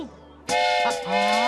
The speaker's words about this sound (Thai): นี่ครับรถไฟ